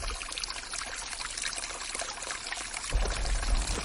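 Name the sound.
mountain stream flowing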